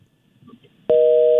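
During a Far East Broadcasting radio call to a listener, after a moment of faint, muffled line noise, a loud steady electronic telephone tone switches on abruptly as the call disconnects, holding at an even pitch.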